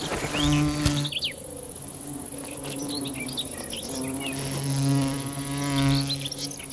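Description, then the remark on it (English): A bee wolf, a digger wasp that specializes in killing bees, buzzes in uneven bursts, its drone swelling and fading several times, while small birds chirp and twitter faintly in the background. “The bee wolf is a digger wasp that specializes in killing bees.”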